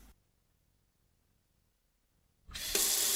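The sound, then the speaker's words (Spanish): Near silence gives way to a tap suddenly turned on, water gushing loudly and steadily into a sink for the last moment, with a bright splashing hiss. “El agua que utilizas para lavar las frutas y las verduras, recógela en un recipiente y luego puedes aprovecharla para regar las plantas de tu jardín o tu huerto.”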